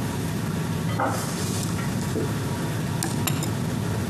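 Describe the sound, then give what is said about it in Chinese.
A few light clinks of dishes and utensils, sharpest near the end, over a steady low rumble of background noise; a dish of braised pork fresh from the pot being set down and served, with no one talking. “看，刚出锅的红烧肉，你看我这色儿挂的多带劲啊！快尝一尝啊！”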